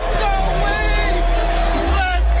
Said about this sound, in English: There's a lot of people yelling in this.